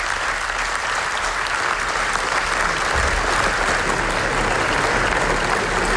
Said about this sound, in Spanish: Y así hasta 25 minutos de aplausos en el Festival de Venecia para el documental Nazza sobre el genocidio en Gaza, que ganó el premio especial del jurado en el Festival Italiano.